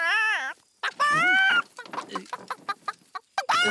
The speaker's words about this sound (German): Was ist passiert? Nicht zu fassen. Das Huhn hat ein Ei gelegt.